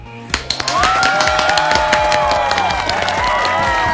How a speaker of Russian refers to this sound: Ну аплодисменты каждому из вас, потому что вы на коне.